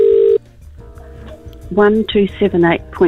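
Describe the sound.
A short, loud electronic telephone ring sounds once at the start of a call to a prize winner, then cuts off as she answers; after a pause, a voice talks with the thin, narrow quality of a phone line.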